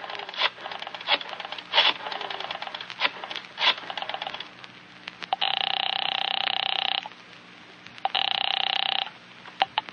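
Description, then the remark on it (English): A telephone is picked up at 10 o'clock and dialed with a quick run of sharp clicks and rattles, followed by two long, steady ringing tones on the line, fairly loud, with no talking. “At 10 o'clock, you pick up the phone again.”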